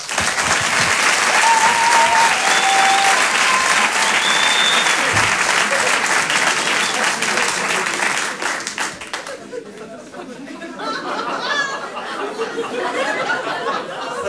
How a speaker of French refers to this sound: Je vous demande également un tonnerre d'applaudissements, s'il vous plaît, pour Aymeric Lompré.